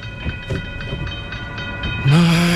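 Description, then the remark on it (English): A train rolls through a level crossing with a rhythmic clatter over steady ringing tones, then a loud, low, sustained horn blast cuts in near the end. No one speaks. “If traffic is crawling, stop before the crossing. Wait till the tracks are clear. Don't risk your life.”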